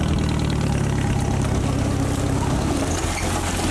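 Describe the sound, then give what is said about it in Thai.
A farm jeep, used to fetch rubber latex and haul areca nuts down from a hillside orchard, idles steadily with a deep, low rumble and a mechanical chug that stays constant and loud throughout, with no voices. “ถ้ามาที่เคบๆรถกระบะกับหัวไม่ได้ต้องใช้รถจิ๊บอย่างเดียวที่กับหัวได้ที่เคบๆรถจิ๊บพ่อจะใช้มากไปเอาน้ำยางวันนี้มาขึ้นหมากแล้วก็เอารถจิ๊บมานี่ขนหมากหาบจากควนลงมาถึงบ้านนะ”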